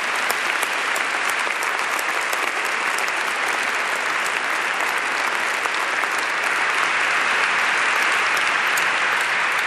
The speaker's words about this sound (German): Wir haben eine wunderbare Band da in der Ecke, die … vom Regnum Christi, die uns den ganzen restlichen Tag über begleiten wird musikalisch. Kurzer Applaus für euch. Danke, dass ihr da seid.